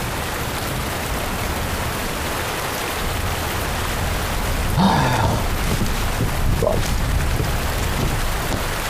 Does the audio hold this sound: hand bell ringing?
no